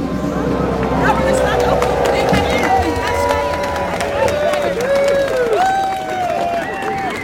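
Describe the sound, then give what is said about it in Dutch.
A large crowd applauds steadily and loudly, with cheering voices and whistle-like tones rising and falling through the continuous clapping. “Applaus voor jezelf.”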